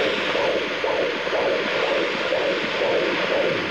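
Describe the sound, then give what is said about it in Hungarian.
Fetal heartbeat of one of two babies on a Doppler monitor: a rapid, steady whooshing pulse, roughly two or three beats per second, riding over a constant loud hiss of static, with no voices. “Jó, akkor most még a szívhangokat is.”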